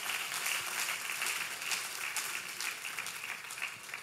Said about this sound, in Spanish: Da un fuerte aplauso al Dios Todopoderoso. Give a strong round of applause to the all-powerful God.